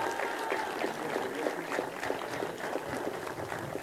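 A crowd applauds, with dense, rapid clapping that stays steady and full for the whole stretch. No one speaks over it.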